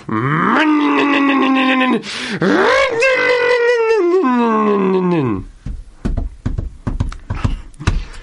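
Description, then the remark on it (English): A voice imitates a German neighbour's motorbike pulling up: a loud, buzzing engine drone that rises and falls in pitch for about five seconds, then breaks into a few short, sputtering bursts. “In fact, I think I can hear him pulling up his motorbike now.”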